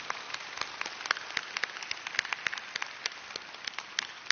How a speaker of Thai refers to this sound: เราปรบมือดังๆให้กับผู้นำบุญทั่วประเทศนะ